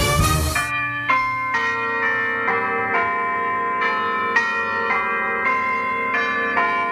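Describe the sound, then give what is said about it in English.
Church bells of St Clements in Yass ring out in a steady sequence, each strike landing roughly once per second with long overlapping resonant tones, loud with no voices. “If you want to try a new hobby, how about bell ringing? Here at St Clements at Yass, we're building a new bell ringing team.”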